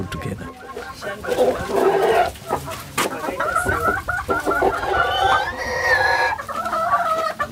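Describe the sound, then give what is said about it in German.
Chickens cluck steadily on the small farm of farmer Angelina Banda, several hens with busy, overlapping calls and a few sharper squawks and crow-like notes, continuing throughout without pause. “Ein paar Ziegen und Hühner, ein Acker, eine bescheidene Unterkunft.”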